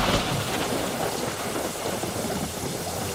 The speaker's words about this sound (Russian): «Трах-тах-тах-тах!» Явственно отчеканивал гром, катился по небу, спотыкался и где-нибудь у передних вазов или далеко сзади сваливался со злобным отрывистым «Трах!».